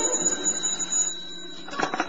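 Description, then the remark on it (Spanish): A telephone rings with a steady, high-pitched electronic tone held for more than a second, then breaks off into a brief burst of rustling noise. “Y se despierta sobresaltado al escuchar el timbre telefónico.”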